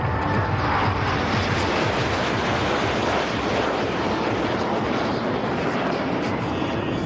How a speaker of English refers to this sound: The spiritual atmosphere at Somnath was followed by a display of military power as the Indian Air Force's Surya Kiran aerobatic team carried out a flypast over the temple town.